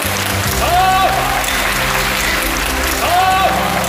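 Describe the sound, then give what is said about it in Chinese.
A theatre audience applauds a Peking opera performance of The Legend of the White Snake, a dense wash of clapping that fills the whole stretch at a fairly loud level, with faint voices and a brief tonal sound rising through it now and then. “这次演白蛇传真的可以说是下江南了，所以非常感谢大家鼓掌。”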